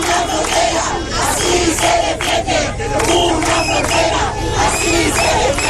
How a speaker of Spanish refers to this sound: Esto después de una nueva protesta sentada cerca de la frontera con banderas de Ceuta y de España.